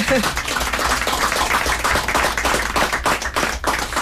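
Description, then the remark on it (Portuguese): Sustained audience applause for a quartet being introduced on stage. Many hands clap in a dense crackle at an even, loud level throughout, with faint voices mixed into the crowd noise. “Temos no acordeon, é isso, um aplauso, vamos.”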